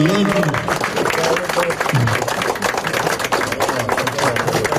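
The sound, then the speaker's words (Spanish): A small crowd claps in a brief burst of applause at a ceremony installing a protected-monument seal in San Nicolás, attended by Prime Minister Mike Eman: a dense patter of hands lasting a few seconds, with voices talking underneath. “Aquí hay ceremonia de instalación y acaba el sello de Guardo Boni, me medio aplauso, ¿no?”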